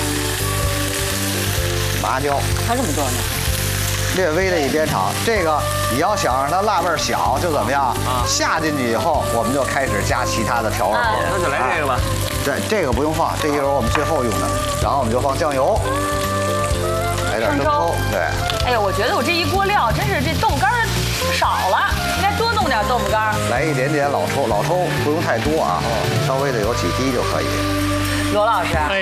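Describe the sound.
Steady, crackling hiss of chili peppers and Sichuan peppercorns frying in hot oil in a pan after a little vinegar is added, loud and unbroken, while people talk over the sizzle.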